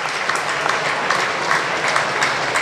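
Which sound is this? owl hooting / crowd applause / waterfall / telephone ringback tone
crowd applause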